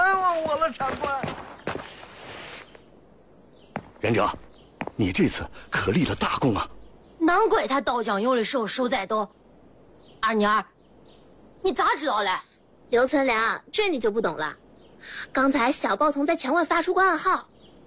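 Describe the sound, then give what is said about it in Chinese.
A human voice, a young newspaper boy outside a wall giving a secret signal, mimics a cat's drawn-out meow, then switches to quick, warbling bird-like whistles and chirps in several short bursts, fairly loud. “刚才小报童在墙外发出过暗号，先是猫叫，再是鸟叫。”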